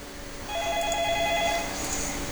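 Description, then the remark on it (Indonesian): A WhatsApp outgoing call tone rings in a steady electronic pattern, a stacked set of pure tones holding for about a second before easing off, moderately loud with no voices. “Oh, ini bisa kayaknya nih di WhatsApp.”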